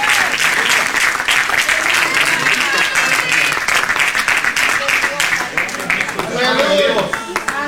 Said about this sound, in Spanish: Le damos un aplauso más fuerte a Dios del cielo en la noche de hoy.